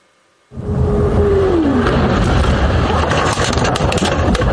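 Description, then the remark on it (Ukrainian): Car dashcam footage from a chance witness of a Russian strike on a school in Ivankiv, Kyiv region, Ukraine, on the evening of 25 September. After a brief silence, loud, steady engine and road rumble from the moving car kicks in abruptly, mixed with wind buffeting, and a faint tone slides downward early on. “Це кадри із автомобільного реєстратора випадкового свідка російського удару по школі в Іванкові на Київщині.”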